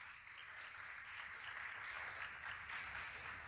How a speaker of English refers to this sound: So I want to give them a little bit of shine and a little bit of light. So if you could please give them a round of applause.